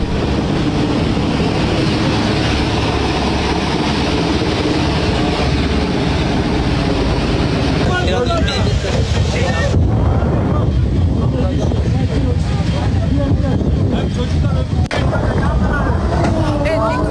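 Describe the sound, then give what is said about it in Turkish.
A loud, steady mechanical roar of helicopters evacuating people from a ship at sea drones on throughout, recorded on a mobile phone by one of the passengers, with muffled voices of people mixed into the noise. “İşte helikopterlerle tahliyenin yapıldığı o anlar yine yolculardan biri tarafından cep telefonuyla çekilmiş.”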